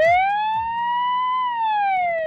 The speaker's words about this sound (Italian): Il suono della sirena non sarà quello al quale siamo abituati. Del resto, quella presentata da una grande azienda nipponica non è un'ambulanza comune.